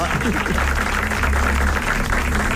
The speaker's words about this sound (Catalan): Escolta'm, però no aplaudiu. Com? Per què aplaudiu? Perquè ho acaba de demanar.